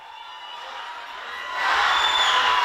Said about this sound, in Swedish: Hon möttes av fans, flaggor och applåder när hon kom hem till Sofia efter Bulgariens historiska Eurovision-seger.